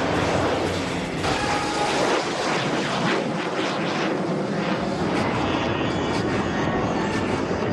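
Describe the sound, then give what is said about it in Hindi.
A loud, continuous roar of jet aircraft of the Indian Air Force Surya Kiran aerobatic team flying overhead above a temple during an air show, trailing saffron, white and green smoke. A broad rushing engine noise swells and sweeps across the sky without pause, with no talking. “भारतीय वायुसेना की सूर्य किरण टीम जो है, जिसका आज ये air show Surya Kiran team का मंदिर के ठीक ऊपर ये जो है सूर्य किरण की टीम पहुंची है”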